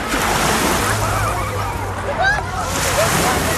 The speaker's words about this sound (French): Et voilà, ces vagues, ça nous donne envie d'aller se baigner.